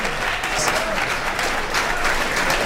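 Steady audience applause fills the whole stretch, a dense wash of many hands clapping at an even, moderately loud level with no one speaking over it.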